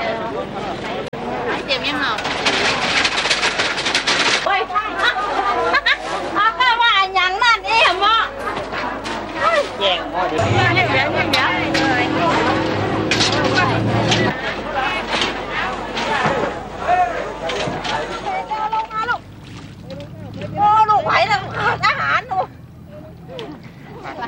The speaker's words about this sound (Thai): ก่อนอรุณรุ่งตลาดสดใจกลางเมืองลำปางก็เริ่มแน่นขนาดด้วยผู้คนและสินค้านานาชนิดแต่บรรยากาศในวันนี้ดูจะคึกคักเป็นพิเศษด้วยชาวลำปางตั้งใจจับจ่ายข้าวของมากมายเพื่อเตรียมสำหรับงานบุญประจำปีโดยเฉพาะ